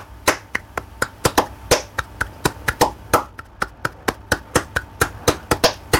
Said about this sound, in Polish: No i to jest bulerias właśnie. No we flamenco także naszym instrumentem będą dłonie, czyli palmas. Palmas.